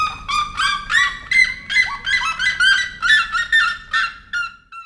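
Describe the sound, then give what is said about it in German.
Loud, harsh calls of red-legged seriemas repeat in a rapid, rhythmic series of yelping, cackling notes, carrying, with no voices present; the birds call to a partner over short distances in the Brazilian savanna. “Genauso wie es vielleicht auch den Rotfußjeremas aus irgendeinem Grund einfach gefällt, ihren Partner über kurze Distanzen in der brasilianischen Savanne anzubrüllen.”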